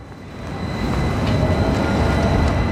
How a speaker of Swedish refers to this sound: Vi tar spårvagnen in till centrala Göteborg